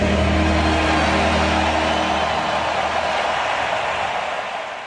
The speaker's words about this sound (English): Listen to the crowd roar at the end of O Canada at SoFi Stadium in Los Angeles.